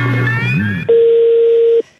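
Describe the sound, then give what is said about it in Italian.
A telephone line goes dead after the other party hangs up, with a brief clatter and low hum. Then a steady, loud single-pitch telephone tone sounds alone for about a second before cutting off. “Com'è che io stavo parlando di montone e la tua collega mi ha buttato giù il telefono?”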